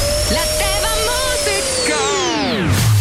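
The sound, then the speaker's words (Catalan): A vacuum cleaner runs with a loud, steady whining drone and rough motor rumble, then its pitch slides down as it winds off near the end. “L'aspiradora encara no.”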